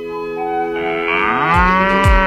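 A single long, loud cow moo, drawn out over about two seconds, its pitch swelling upward, with a couple of low thumps near the end.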